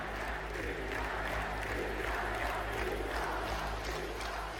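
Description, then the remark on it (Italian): A vast crowd in the Iacovone stadium roars and cheers continuously as the Italian delegation of athletes enters, thousands of voices merging into a dense, steady wall of sound with scattered applause, loud and sustained throughout. “Un boato assordante travolge le gradinate, migliaia di voci fuse in un unico grido d'orgoglio per accogliere gli atleti azzurri visibilmente emozionati sotto la pioggia di applausi.”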